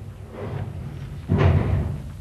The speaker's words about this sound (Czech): Přede mnou dveře zavřít, to mě, českému pánu, kterýž je pod ochranou římského krále, i to